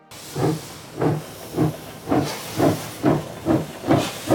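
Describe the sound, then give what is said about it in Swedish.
A steam locomotive chuffs steadily as it pulls away from the platform in Zürich, its regular bursts of hissing steam repeating about twice a second, moderately loud with no voices. “när tåget lämnar Zürich är Willy Münzenberg inte med”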